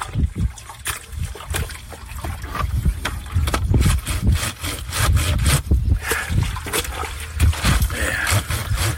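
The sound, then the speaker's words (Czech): Rhythmic scrubbing of wet laundry on a roughly 70-year-old washboard, using baking soda mixed with water as detergent, repeated rasping strokes with sloshing and splashing water, steady and fairly loud, with no one talking. “A teď jdeme prát. Použil jsem asi 70 let starou valchu a jako prací prostředek jedlou sodu, smíchanou s vodou.”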